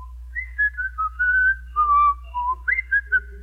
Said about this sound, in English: Lovesick Jr. is still sitting on the curbstone across from Estelle's house as Riley approaches from around the corner, whistling his own particular love song.